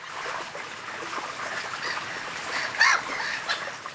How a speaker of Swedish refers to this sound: Vad var det här för ljud som vi hörde alldeles nyss från Finland? Ja, det ljudet vi hörde nyss var alltså finländska måsar.